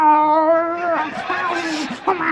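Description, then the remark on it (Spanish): A person imitates an angry, rabid cat under a bed, a cat bitten by a dog: a long strained yowl, then a rough snarling, hissing stretch and a rising screech, all loud with no other sounds. “Dice, no, debajo de la cama no, que hay el gato que la mordió el perro y también está rabioso.”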